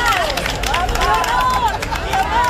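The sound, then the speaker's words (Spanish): A crowd of many voices shouts and calls out over one another, including cries of "guapa", high cries rising and falling in a loud, continuous hubbub with no pauses, greeting the Spanish heir to the throne on her first day as a Political Science student at Carlos III University of Madrid. “Pero no sé si a vosotros os recibieron así, al grito de guapa o guapo, el primer día de clase, que además es el más duro, pero era de esperar que hubiera alguna distinción.”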